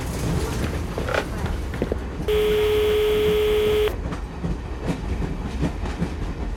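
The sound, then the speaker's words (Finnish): Interior of a moving passenger train in Ukraine, travelling from Kyiv toward Finland: a steady rumble with rhythmic clattering from the wheels, and a sustained electronic tone sounding for about a second and a half midway. “Junassa. Vielä Ukrainassa, mutta mä oon tulossa Suomeen.”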